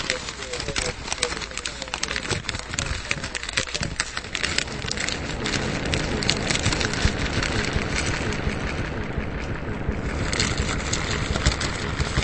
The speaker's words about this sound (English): A crinkly bag? Let's play it together. Let's harmonize. Ready? You do it, and then I'll crumple my own Taco Bell bag, which I always let's have with it.